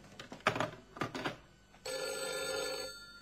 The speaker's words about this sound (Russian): Да нет, ну просто ну звонят без конца.